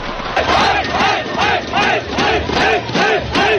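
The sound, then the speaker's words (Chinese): A large crowd of fans chants loudly and rhythmically at a Guangdong provincial men's basketball league game between Guangzhou and Yunfu, repeating the same short shout roughly twice a second without a break. “这场在广州队和云浮队之间的比赛，在开赛前一个多小时就已经有很多球迷入场，观众热情高涨。”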